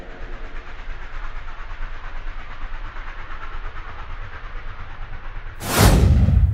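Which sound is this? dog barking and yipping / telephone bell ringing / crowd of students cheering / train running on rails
train running on rails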